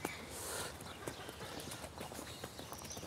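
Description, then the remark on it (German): Several donkeys walk at an easy, relaxed pace through a gate into a meadow, their hooves clip-clopping in a steady but irregular patter of overlapping steps, moderately quiet, with no talking. “Die Esel haben begriffen. Alle laufen sie sehr entspannt,”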